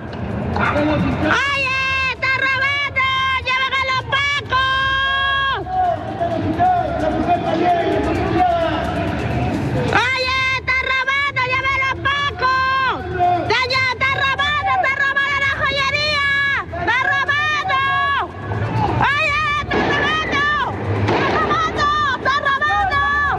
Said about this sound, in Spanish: Claro, ahí se escuchan al menos dos disparos de parte de carabineros, quienes disparan, ¿cierto?, para poder repeler este asalto, para poder también evitar este robo y evitar la huida de estas personas